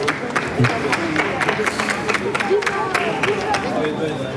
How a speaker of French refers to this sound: Vous entendez les applaudissements.